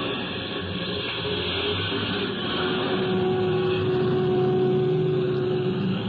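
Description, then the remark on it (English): A large passenger bus engine rumbles steadily in the mountains, its drone rising a little in pitch and loudness partway through as the bus pulls away. No voices. “Well, here we go, folks.”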